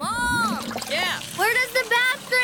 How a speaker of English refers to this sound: I was giving my favorite Lego man a bath, and he went down the drain.